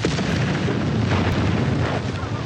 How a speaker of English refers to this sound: This is where, on the first day of the battle, the British Army detonated a huge explosion. The aim was to confuse the enemy as British soldiers attacked.